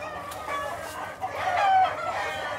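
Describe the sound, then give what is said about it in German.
A rooster crows once in a drawn-out, rising and falling call that peaks in loudness midway, over a steady background of breeding hens clucking and murmuring. “Der Hahn und sein Tretakt ist hier allgegenwärtig.”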